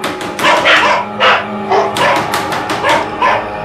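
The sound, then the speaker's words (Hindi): A pair of dogs bark in front of a hut's door in a rapid, overlapping volley of about eight sharp, loud barks over a few seconds, with no one speaking. “कहीं से श्वान का एक जोड़ा भौंकता हुआ सामने आ गया।”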